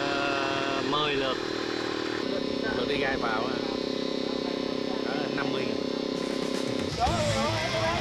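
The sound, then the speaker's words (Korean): A motorcycle engine drones steadily, its low buzzing rumble continuing throughout while people talk over it, with a brief surge near the end. Five motorcycles take turns shuttling harvested live shrimp back and forth between a shrimp farm and a truck. “오토바이 다섯 대가 돌아가며 새우 운반을 하는 동안 새우를 심는 작업자의 손길은 멈출 새가 없는데요.”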